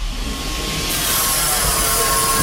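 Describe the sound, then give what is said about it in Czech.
A steady mechanical whoosh and hum with a faint tonal whine, rising into broader airy rushing partway through, as an elevator travelling at 2.5 metres per second climbs its shaft up a tower toward the seventh-floor viewing deck; no one speaks. “2,5 metru za sekundu. Taková je rychlost výtahu”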